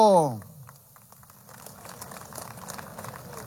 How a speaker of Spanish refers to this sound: Vamos a recibirlo con ese fuerte aplauso.